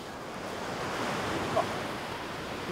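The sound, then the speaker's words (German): Steady roar of ocean surf washing in, a broad continuous rush of breaking waves with a slight swell near the middle, heard alone without any voices. “Sogar bei den Wellen.”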